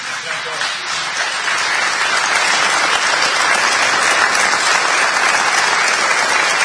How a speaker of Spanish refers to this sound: Un fuerte aplauso para Alejandro Dolina.